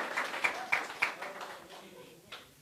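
A short burst of applause, with a few sharp, evenly spaced claps standing out over a softer wash of clapping that tapers off after a couple of seconds.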